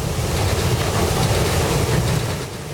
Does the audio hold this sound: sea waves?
yes